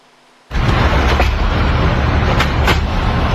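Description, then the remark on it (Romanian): Tornado winds roar through a city street in Rome, Italy, bursting in abruptly after a brief hush and staying loud and continuous, with a few sharp clattering bursts like flying debris, as the tornado lifts street furniture, uproots trees and moves parked cars. “Ma chi è? Un tornado?”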